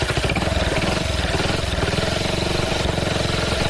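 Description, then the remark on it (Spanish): A motorcycle engine sputters and chugs in a rapid, uneven rhythm, loud for several seconds as it struggles without catching. No one speaks. “Che, ¿no le arranca ahí la moto?”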